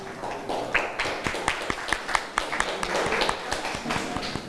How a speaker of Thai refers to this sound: โดยคุณครูจะให้ตัวแทนของกลุ่มที่1ออกมาก่อนนะคะนักเรียนค่ะขอเสียงปรบมือให้กับตัวแทนกลุ่มที่1หน่อยค่ะปรบมือให้เพื่อนหน่อยค่ะ